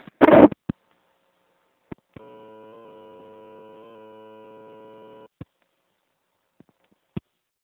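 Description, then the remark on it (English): A steady, buzzy telephone line tone drones for about three seconds, thin and tinny, recorded by holding a microphone to the phone while calling in, framed by a few sharp clicks and handling knocks. “Alright, I'm calling in again and doubling it up with the holding the mic to the phone.”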